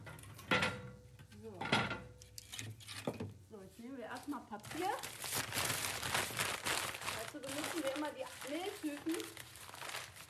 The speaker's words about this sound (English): Marie-Thérèse shows us how to build the fire, crumpling paper, tearing cardboard and building the wood into the oven